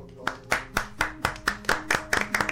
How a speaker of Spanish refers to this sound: Gracias. Un aplauso.